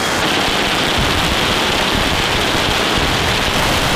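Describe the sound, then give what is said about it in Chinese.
A loud, dense crackle of firecrackers set off by villagers along the route of a dragon procession, popping in rapid succession and merging into a continuous hiss-like roar that holds steady for the whole stretch with no voices. “大人小孩挤满街头巷尾，沿路村民燃放烟花炮竹，去病驱邪，迎春纳福，图的就是热闹。”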